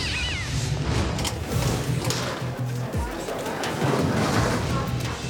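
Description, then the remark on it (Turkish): A cat meows and yowls a few times against a busy, noisy background, with a voice also audible in the mix. “Tırmalar zordur ama bu cehennem kedileri yüzünden bugünkü işimiz her zamankinden zor olacak.”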